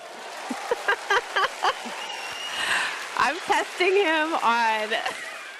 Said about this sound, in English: I'm testing him on this round of applause. I'm testing it.